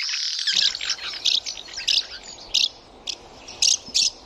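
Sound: house martin calls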